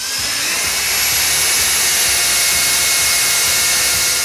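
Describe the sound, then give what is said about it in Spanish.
An electric drill whirs loudly and steadily for a few seconds, a high continuous motor whine with no pauses and no voices. “¿Por qué el vecino del tercero coge el taladro un domingo a las 8 de la mañana?”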